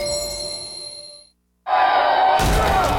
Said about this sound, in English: Uh-oh, that rock just blitzed your windshield like a linebacker on espresso.